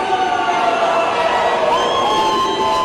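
A large crowd at the State House in Nashville jeers and shouts continuously, a dense, loud wall of overlapping voices with a few raised cries standing out, sustained without a break.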